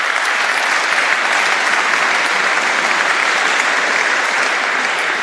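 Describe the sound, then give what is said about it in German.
A large crowd at a Catholic celebration evening in Vienna, Austria, applauds all the welcomed guests, clapping steadily and loudly for the whole stretch, a dense, even wash of many hands with no voices rising above it. “Und jetzt nochmal bitte ein großer Applaus für Sie alle.”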